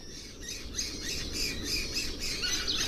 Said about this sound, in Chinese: 时光流转，春天悄然而至。一群叽叽喳喳的黄爪隼引起了金雕的好奇。